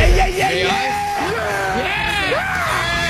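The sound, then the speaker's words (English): A loud yelling sound effect with several voices at once, rising and falling whoops and hollers that overlap continuously for about three seconds, like a rowdy group shouting in excitement. “May I have that deck of yell?”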